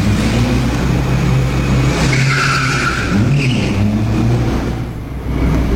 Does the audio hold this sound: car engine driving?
yes